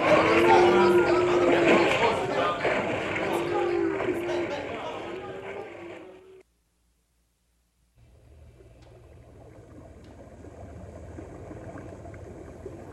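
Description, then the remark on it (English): Wagons ford a river amid a busy, churning wash of splashing water and indistinct voices, then a brief silence before a quieter, steady rush of water continues. “First, we have to get the wagons across the river.”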